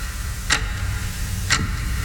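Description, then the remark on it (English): A ticking clock sound effect: two crisp ticks spaced exactly one second apart, standing out over a steady low background hum with no voices. “That sound, it's not a clock.”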